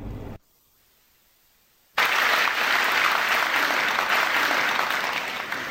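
After a short silence, an audience bursts into sustained applause welcoming crosstalk (xiangsheng) performers Ma Sanli and Wang Fengshan, a dense wash of clapping that stays loud and steady to the end with no voices over it.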